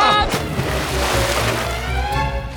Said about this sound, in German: Arschbombe!